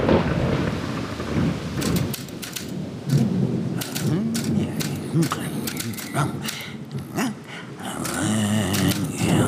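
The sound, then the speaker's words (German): A thunderstorm with steady, loud rain hissing throughout, low rumbling thunder rolling underneath, and scattered sharp crackling bursts rising and fading over several seconds. “Es war eine dunkle und stürmische Nacht.”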